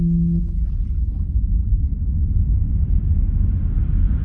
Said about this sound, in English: Home is the big-bellied airplanes always soaring overhead. The jet engine shrieks as you stack blocks or push plastic cars, and the rumble you feel through the floorboards is the promise of home.